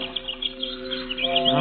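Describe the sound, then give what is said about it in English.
Several small birds chirp and twitter in quick, overlapping bursts by a statue, steady throughout, growing a little busier toward the end, with no one speaking. “It's a terrible thing what you birds have done to it.”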